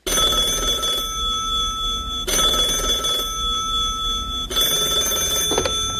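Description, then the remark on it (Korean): A telephone at the Pacific Garden Mission center rings loudly and continuously, its bright, metallic bell sounding in three long bursts that restart about every two seconds, with no voices present. “해리는 자주 밤늦게 홀로 선교센터에 남아서 걸려오는 전화를 받곤 했지요.”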